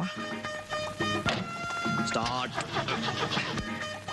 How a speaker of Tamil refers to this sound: அவங்க ஏறினோடனே அந்த கார் வந்து ஸ்டார்ட் ஆகாமல் போகும். அந்த சீன் இப்போ கேளுங்களேன்.